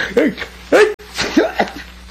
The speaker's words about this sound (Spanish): Pero, pues, ¿y estos estornudos? No son de catarro, torpe.